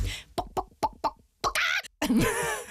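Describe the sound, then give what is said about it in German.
A person imitates a chicken: a quick run of five short, clipped clucks, then two drawn-out, strained squawks, fairly loud with no other talking. “Oh, ich kann ein sehr gutes Huhn. Das geht so.”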